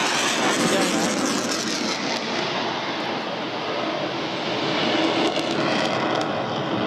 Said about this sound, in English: Plane now banking quite hard to the left and going across the beautiful Mindle Beach sunset as it's setting down into the haze and that classic orange which usually brings such loud applause. Plane now coming, banking with that.